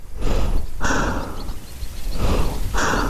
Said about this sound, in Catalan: Jo estava amagada a l'ombra de la paret exterior del túnel, amb la màscara antigàs preparada, sentint la meva pròpia respiració accelerada.